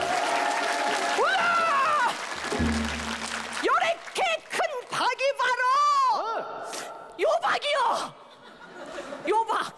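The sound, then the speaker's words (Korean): An audience claps in a dense, steady burst that fades after a couple of seconds, while voices call out and chant "jalhanda" (well done) in rising, sliding tones, with scattered chuckles among the crowd, during a storytelling performance. “박수 좀 돋게 줘봐.”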